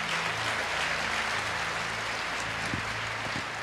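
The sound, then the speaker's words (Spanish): A crowd applauds the Lord, the King of Kings, steadily, a dense wash of clapping that holds at an even, loud level throughout, with a low sustained hum underneath and no voices. “Más fuertes aplausos para el Rey de Reyes, Señor de Señores.”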